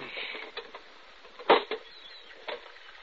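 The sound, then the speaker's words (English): Someone prying open a little rusted iron box, the size and shape of a brick, found in a demolished chimney, its lock rusted away, with a pinch bar: gritty scraping runs throughout, broken by a few sharp knocks and one loud, harsh crack in the middle. No one speaks. “Seems to be a box, a little iron box, the size and shape of a brick. Well, let me see it. There was a lock there, but it's rusted away.”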